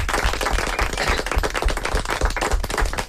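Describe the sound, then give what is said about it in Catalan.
An audience breaks into loud, sustained applause, dense overlapping claps continuing steadily for several seconds with no voices heard. “Un aplaudiment ben fort.”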